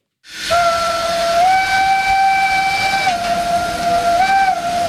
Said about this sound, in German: sondern auf der Schiene. Und zwar mit einer Dampfbahn wie vor 100 Jahren.